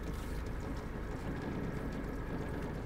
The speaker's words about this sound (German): Ja, hier die Vagabund, moin. Wir würden gerne mit einem kleinen Motorboot in Richtung Harburger Hafen schleusen.